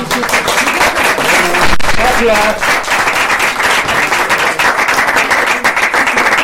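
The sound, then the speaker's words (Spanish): Sustained audience applause, a dense crackle of many hands clapping, with a voice briefly speaking over it. “Sí, pues un aplauso, ¿no?”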